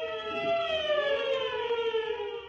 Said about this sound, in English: And the police siren screamed as the officers came down on Farrell's hangout.